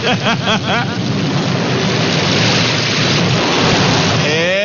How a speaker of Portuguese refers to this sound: Prepara o guarda-chuva, sombrinha, a blusa, prepara a sua blusa de frio, porque ó, já tá chovendo em alguns lugares, vai chover na fazenda, viu?